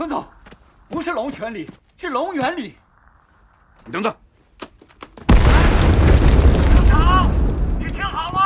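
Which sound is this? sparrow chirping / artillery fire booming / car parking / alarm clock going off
artillery fire booming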